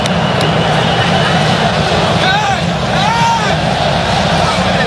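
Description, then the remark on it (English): A stadium crowd at Sweden's World Cup match applauds Alexander Isak and Viktor Jokeros as they are substituted off, a dense, steady roar that holds loud throughout, with a few high whistles rising briefly out of the noise midway. “And listen to the round of applause for these two.”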